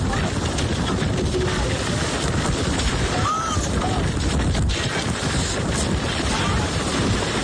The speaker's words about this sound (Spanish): por ejemplo, en Nueva Jersey, donde la tormenta se llevó por delante botes, lanchas que estaban en puertos. De hecho, algunas personas grabaron cómo un velero era prácticamente destruido y quedaba en medio de la calle. Así se escuchaba.